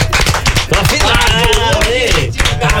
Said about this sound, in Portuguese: Olha, bajulou nosso patrocinador, tem salva de palmas nesse programa. Por favor, salva de palmas.